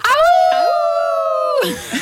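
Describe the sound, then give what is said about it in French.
A crowd of people at a festival imitates a wolf howl together in one long, sustained, wavering note that falls off after about a second and a half, followed by scattered laughter and chatter. “Je me Francisca, sens comme une louve”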